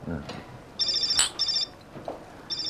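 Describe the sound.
A mobile phone ringtone chimes in repeated bright, high-pitched bursts, clear, with a short pause between each, while people talk faintly in the background.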